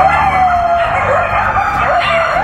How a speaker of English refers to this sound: Coyotes wandering the floors of this abandoned development in West Hollywood. This video shows a coyote with at least three small pups.